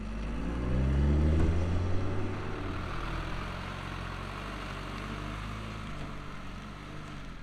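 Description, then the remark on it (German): A heavy truck loaded with eight tons of hay idles on a weighbridge before heading into the mountains, in a steady, low diesel rumble, rising briefly in pitch and loudness near the start before settling back into an even idle, with no voices. “Bevor es ins Gebirge geht, muss Ahmeds LKW noch auf die Waage.”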